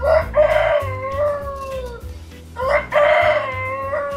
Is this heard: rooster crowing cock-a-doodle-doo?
yes